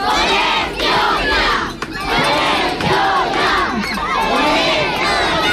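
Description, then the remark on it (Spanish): Nearly 200 children and their families chant a loud, rhythmic battle cry in unison one morning at a protest beside the site of a planned new school, with repeated shouted phrases rising in waves and a brief dip before the chanting surges again. “Pues así ha sonado el grito de guerra de los casi 200 niños y niñas y sus familias esta mañana.”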